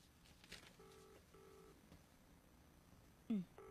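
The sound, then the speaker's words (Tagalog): A cellphone rings twice in quick succession, two short electronic tone bursts with a slight gap between them, fairly quiet against a low background hum, followed by a brief louder sweeping sound. “Ay, abaw, nag-asagad lang sang raging ring ho?”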